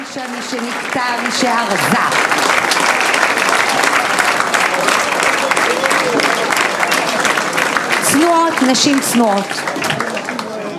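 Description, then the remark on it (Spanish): Sustained audience applause at a congress for the women volunteers who peeled, cut and prepared the food, a dense loud wash of many hands clapping throughout, with cheering voices and calls rising above it in places. “Pero todos los que aquellos que pelaron y cortaron y prepararon y retiraron, un fuerte aplauso para todas, un fuerte y un gran aplauso.”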